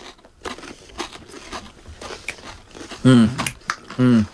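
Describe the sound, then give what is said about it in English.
Crunching of someone eating a Frito scoop corn chip loaded with homemade pimento cheese and smoked sausage: a run of crisp, irregular bites and chewing, followed by two loud, drawn-out appreciative hums. “homemade pimento cheese with smoked sausage on a Frito scoop”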